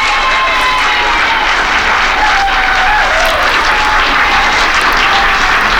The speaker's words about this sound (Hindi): तो चलते हैं जनाब तालियों की गूंज में।